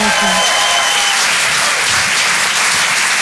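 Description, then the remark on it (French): A large audience at the Rire et Chanson Comedy Club applauds loudly and steadily for a performer after her comedy set with songs, a dense wash of clapping that fills the whole moment without pause, with faint crowd noise mixed in. “Bravo, on peut l'applaudir très très fort, s'il vous plaît,”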